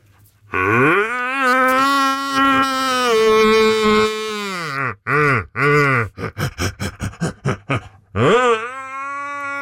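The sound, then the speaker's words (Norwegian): A man imitates a red deer's rutting roar: one long, deep, bellowing groan, then a rapid series of short, rhythmic grunting barks, ending with another brief roar. “Du, vi må få litt helt til slutt her, få litt skikkelig hjortebrøl igjen fra deg.”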